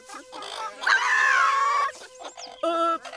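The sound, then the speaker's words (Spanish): Hens cluck and squawk, with one long, drawn-out squawk that falls in pitch, followed by a couple of shorter, sharp clucks. No talking. “Voy a tener que ir personalmente a poner a esas gallinas en paz.”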